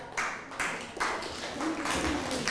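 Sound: classroom of children clapping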